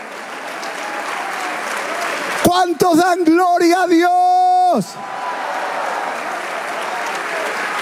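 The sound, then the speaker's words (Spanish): An audience applauds for God, steadily throughout, a dense, even wash of clapping. Partway through, a man's raised voice calls out over it, then the clapping carries on alone. “Si ese aplauso es para el Dios que nos amó desde hace mucho tiempo.”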